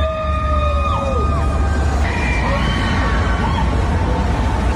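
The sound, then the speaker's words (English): A large crowd of fans in Times Square, New York, cheers and screams at a big billboard announcing a new song in a constant, loud roar, with high wavering shrieks and a car horn honking through the din over a low rumble. “And the news was revealed pretty much around the world at the same time, including on a big billboard in Times Square in New York, very much to cheers from fans.”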